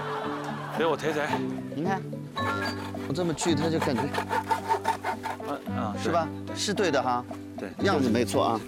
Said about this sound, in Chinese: 为什么我锯这个东西它是斜线的？ 因为你是斜着锯的呗。给我抬抬。你看， 我这么锯，它就感觉，啊，是吧？是对的哈。 对， 样子没错啊。 但是你拿的这锯子太小了。